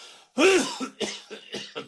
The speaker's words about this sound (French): Ah, quand on entend comme il tousse, ça fait peur.